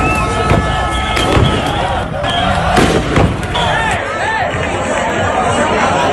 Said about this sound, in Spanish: La policía ha realizado disparos disuasorios para evitar enfrentamientos.